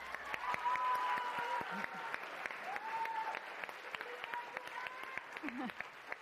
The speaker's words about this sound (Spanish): porque les tienen que aplaudir muy duro, porque ellas son ganadoras de la categoría de Ciencias Ambientales de la Feria de las Ciencias y la Tecnología y la Innovación del UNAM y son de aquí del CCH Oriente. Entonces, un aplauso. ¡Bravo!